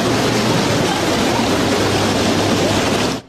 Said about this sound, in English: stunning video coming out of New Jersey showing half marathon runners trekking through knee-high water after rain triggered flash flooding along part of that course. Bro, this is nuts.